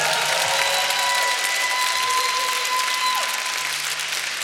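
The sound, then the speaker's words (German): An audience claps steadily for several seconds for a band turning 15 years old this year, a dense, continuous wash of applause with a faint tonal hum beneath it and no one speaking. “Ja, das ist ein Applaus wert.”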